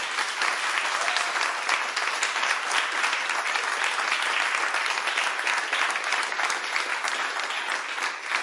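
Sustained audience applause, a dense, steady patter of many hands clapping at an even loudness for several seconds, with no voices standing out.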